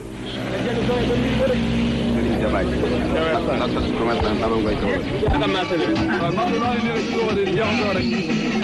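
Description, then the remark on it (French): Motorcycle taxi engines drone and rev on a busy central market street in Kaolack, near the customs post, under a blazing sun, their steady hum running under a constant crowd of overlapping voices. “D'interminables va-et-vient les vrombissements de ses nombreux vélo-taxis et clans d'eau déchirent l'atmosphère sous un soleil de plomb.”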